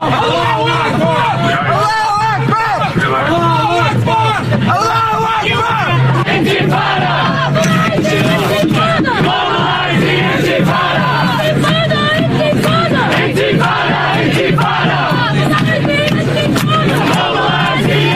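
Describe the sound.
A large crowd of pro-Palestinian marchers in New York City, some holding pictures of the late Hamas leader, disrupts a vigil and boos New York City mayor Zoran Mamdani as he arrives: shouts, boos and chants in a loud, continuous roar of many overlapping voices, with rising and falling yells that never let up.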